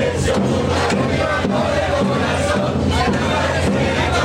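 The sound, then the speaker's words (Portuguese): A dense crowd of football fans roars and chants continuously, loud, with massed voices swelling in waves and no break in the noise, pushing their team on after Spain scored in extra time of the 2026 final against Argentina. “Mas ainda assim, a torcida empurrou.”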